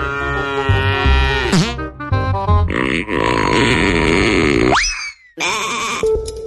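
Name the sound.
cow mooing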